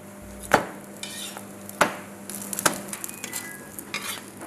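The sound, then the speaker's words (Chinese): Flatbread griddle-frying in a pan heated to about 180 degrees gives off a steady, soft sizzle, broken by three sharp clanks of a utensil striking the metal, with lighter scraping taps in between. “烙制， 锅的温度我们调到180度左右。”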